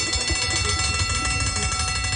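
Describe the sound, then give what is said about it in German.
An end-of-workday bell rings continuously and loudly, a harsh, steady metallic clangor that fills the whole moment without pause, with no voices over it. “Das ist die Feierabendglocke.”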